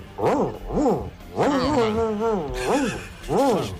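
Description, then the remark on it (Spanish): A man's voice imitates an angry dog, a series of rising-and-falling growling barks and a longer snarling whine, loud, with no other sounds. “Perro cabreado.”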